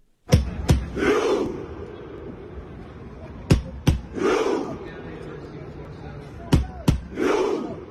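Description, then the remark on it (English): A stadium crowd of Norway supporters performs a Viking rowing chant, the whole grandstand miming rowing a Viking longship: two sharp, booming drum-like hits followed by a loud massed shout, repeated three times in a slow, steady rhythm with crowd rumble underneath. “These are Norway's supporters. And if you haven't seen it in action, the whole grandstand is pretending they are rowing a Viking longship.”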